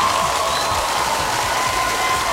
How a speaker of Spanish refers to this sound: Un fuerte aplauso para esta pareja que está enamorada.